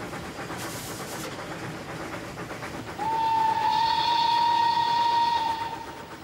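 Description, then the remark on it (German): The Ötscherland-Express, a narrow-gauge museum steam train, rumbles along the track through the village of Lunz on the last metres of the 17.6-kilometre museum line; about halfway through a long, loud steady whistle sounds over the running noise before fading slightly at the end. “Die letzten Meter der 17,6 Kilometer langen Museumsbahnstrecke fährt der Ötscherland-Express durch das Örtchen Lunz.”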